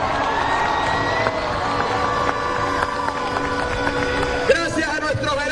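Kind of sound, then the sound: crowd, crowd applauding and cheering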